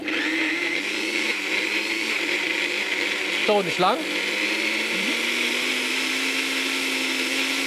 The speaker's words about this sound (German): Das lassen wir jetzt erstmal im Mixer mixen.